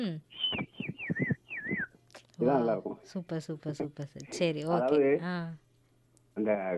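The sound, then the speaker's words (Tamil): A mimicry artist calling in to a morning radio program imitates a koel's call, first with a quick run of high whistled notes that slide downward, then with louder voiced, wavering cries, ending on a short final burst. “அதை விட சிறப்பாக இருப்பது குயில்.”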